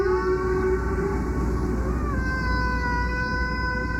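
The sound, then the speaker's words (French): A prehistoric conch shell horn, about 18,000 years old, pierced with two holes and decorated with red pigment, sounds one long, steady, breathy tone, rich in overtones, dipping slightly in pitch midway and holding loud over a low rumble, with no voices. “nos ancêtres jouaient donc du coquillage”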